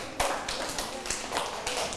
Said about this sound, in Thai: ปรบมือให้กลุ่ม2ด้วยค่ะ